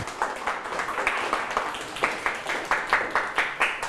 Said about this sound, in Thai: อ๋อสุดยอดเลยครับปรบมือให้เพื่อนครับ